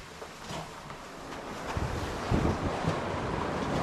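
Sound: strong storm wind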